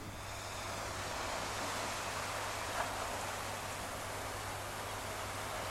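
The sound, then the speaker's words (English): A steady, rushing wash of surf noise from ocean waves at the shore, continuous and fairly soft throughout, with a faint low hum underneath and no voices. “By the way, she recorded it by the shore. That's why you hear some sounds of waves.”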